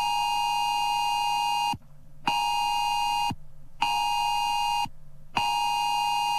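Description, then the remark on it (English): A loud, harsh emergency alert tone from a mobile phone, a drill of Australia's new national alert system, blares in four long bursts separated by brief silences. It is a piercing electronic signal repeating steadily, with no one speaking. “So on Monday next week at exactly 2 p.m. all around Australia, every phone is going to make this sound.”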